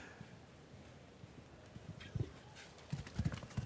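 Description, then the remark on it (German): Hoofbeats of a galloping horse thud in a quick, uneven rhythm, growing louder toward the end over a steady background hiss. No one speaks. “Ich glaube, dieses Pferd galoppiert nicht nur durch die Sörs, dieses Pferd galoppiert in unsere Herzen hier.”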